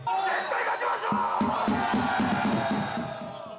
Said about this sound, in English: The atmosphere around the stadium was filled with excitement. Fans were writing messages to the squad and singing cheers.